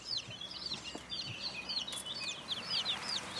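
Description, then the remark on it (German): A rooster named Franz Josef clucks in a quick run of short, high-pitched calls repeated over a few seconds, moderately loud, with no one talking. “Übrig blieb Hahn Franz Josef.”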